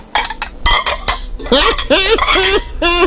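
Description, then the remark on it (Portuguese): Shiny new pots and plates clink together in a few sharp knocks, followed by a run of high, wavering tonal squeaks that carry on to the end. “E agora ela comprou as panelas de rico, sabe aquelas panelas de rico?”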